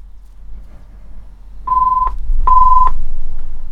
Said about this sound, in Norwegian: Og der ringer det.